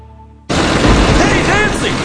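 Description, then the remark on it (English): A faint tonal hum cuts off abruptly into a loud, dense roar of pounding hail, with deep thunder rumbling underneath and the clatter continuing steadily to the end. “This hailstorm is no joke.”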